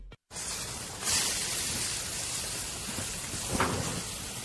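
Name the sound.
rain falling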